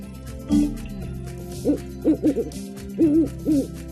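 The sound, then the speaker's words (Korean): An owl hoots repeatedly, about six clear calls in an uneven rhythm, some coming in quick pairs, against a quiet background with no talking. “빨간색 버튼을 누르니까 올빼미가 튀어나왔어.”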